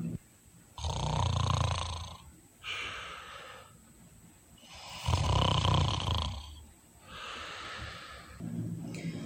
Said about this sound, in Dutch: En de opzichter, die zat te snurken.